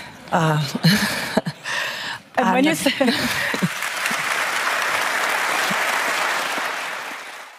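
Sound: applause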